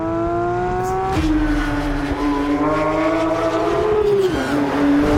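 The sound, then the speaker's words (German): A Porsche sports car's combustion engine revs loudly, its throaty drone climbing in pitch and then dropping sharply twice, like quick gear changes, with no voices. “Aber es gibt Menschen, die wollen den Motorensound, und es gibt auch Porsche-Leute, die es gerade gut”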